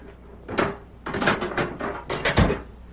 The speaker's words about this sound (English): That evening, Sheriff Matt Gorman went to Deke Bauer's cell and unlocked the door.